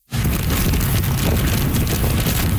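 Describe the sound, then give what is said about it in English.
A dense, steady roar of wind and heavy rain from Super Typhoon Bavi in Keelung, on the northern tip of Taiwan, with winds of 144 kilometers an hour gusting to nearly 200. It starts abruptly and holds loud for a few seconds, with deep buffeting rumbles beneath a constant hiss and no voices. “That's how the storm sounded in Keelung on the northern tip of the island. Heavy rain, along with wicked winds of 144 kilometers an hour, gusting to nearly 200.”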